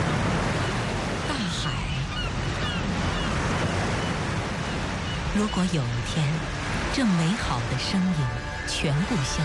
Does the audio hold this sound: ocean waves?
yes